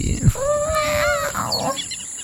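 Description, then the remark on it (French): A voice imitates the tiny roar of Léo the lion cub learning to roar, a single thin squeaky growl lasting about a second, moderately loud over a faint background hiss. “Il a le trac, il respire un bon coup et rugit... un petit...”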